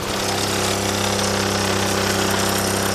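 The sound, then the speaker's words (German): A Solex moped, a model celebrating its 80th birthday this year, is started in Delémont by lowering the motor, giving gas, pressing the decompressor and taking a run-up. Its engine then runs with a loud, steady, buzzing putter, its rapid firing rhythm holding even for the whole stretch with no voices. “Also, ich muss einfach den Motor runterlassen, Gas geben, den Dekompressor hier drücken, Anlauf nehmen und dann geht's los.”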